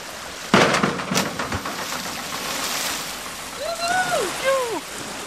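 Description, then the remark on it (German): A person doing a cannonball jump plunges into a swimming pool with one loud, sudden splash, followed by a few seconds of churning, sloshing water and faint high calls in the background. “Du bist auf jeden Fall Arschbombenprofi. Deswegen wirst du mir gleich erstmal zeigen, wie das funktioniert.”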